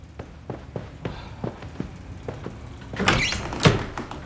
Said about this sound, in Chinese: 赶紧开门。 哦， 来了。